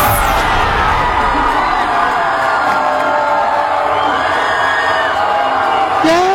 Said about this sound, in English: Yay! Bunch of 24 to 28 year olds yelling and screaming because a radical communist just won a primary in Colorado.